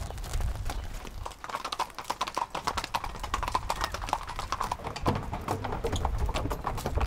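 Hooves clip-clop steadily on a promenade as four horses are walked to an arena on the beach, with overlapping, irregular beats of sharp clacks over a low background rumble.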